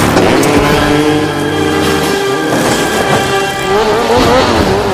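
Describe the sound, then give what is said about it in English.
A loud motorcycle engine revs and accelerates as Spencer rides it up and off a shrine, its whining pitch climbing and dipping in repeated surges over a steady roar, with no voices. “Spencer rides the motorcycle off the shrine and hurls his grappling hook, which lands on the statue's head.”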